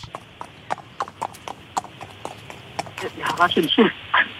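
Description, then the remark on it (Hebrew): Someone imitates a horse with a steady run of tongue clicks like trotting hooves, then breaks into a wavering, whinny-like vocal neigh. Fairly loud. “זה דערה של סוס”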